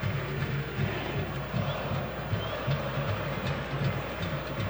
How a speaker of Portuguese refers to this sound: 39 do primeiro tempo, o torcedor do São Paulo não para um segundo aqui no Morumbi. É o tempo inteiro.